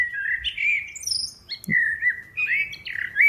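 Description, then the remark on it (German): A common blackbird sings a rich, fluting phrase of warbling notes with a few higher twittering flourishes, clear against a quiet background with no talking. “Wir hören mal rein, wie so eine Amsel so singt.”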